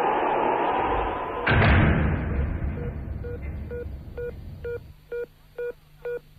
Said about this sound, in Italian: No, ma è che mi si è aperta la porta qui della cabina, il vento. La chiuda, per l'amor del cielo. Sì, sì, chiudo subito, un momento.